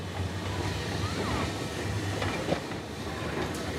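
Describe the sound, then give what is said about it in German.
An electric mountain railway tram of the Snaefell Mountain Railway, running from Laxey on the coast inland toward Mount Snaefell, the island's highest peak, rumbles along steadily, its low motor hum and wheel noise filling the scene, with a brief sharp clack partway through. “Denn von Lexey aus führt eine zweite Straßenbahnlinie von der Küste ins Landesinnere.”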